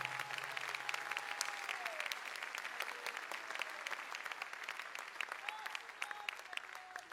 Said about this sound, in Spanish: ¿Cuántos pueden dar gloria a Dios en este lugar? Si lo cree, denle el mejor aplauso al Señor.